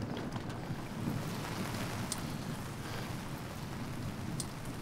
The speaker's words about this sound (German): Der nächste Morgen. Seit Stunden regnet es durch.